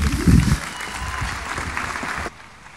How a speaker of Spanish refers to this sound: Con todos ustedes, la agrupación folclórica Coros y Danza, La Fortaleza de La Gomera. Un aplauso fuerte y cariñoso. ¡Fuertes aplausos!